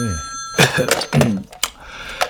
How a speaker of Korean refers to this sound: 전화가 오네.